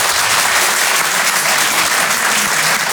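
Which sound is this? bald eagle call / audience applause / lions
audience applause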